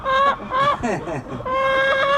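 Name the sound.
chickens clucking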